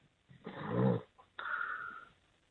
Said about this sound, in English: Or is that you snoring?